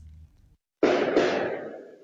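After a brief low hum and a moment of silence, two loud, sharp firework bangs in quick succession, each followed by a long echoing rumble that slowly fades; heard at night in Portage La Prairie and reported as seeming like gunshots.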